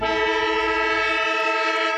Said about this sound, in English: Yes, the sound of the siren. It is Thursday night, and Thursday night football has an absolute ripper tonight.